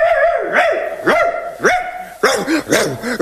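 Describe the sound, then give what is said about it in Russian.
A dog barks excitedly in a rapid series of sharp, high yaps, loud, with the barks coming faster and more clustered toward the end, as it greets its returning owners. “Вот-вот родители вернутся, а собака заливается, лает, хозяев встречает, в которых души не чает.”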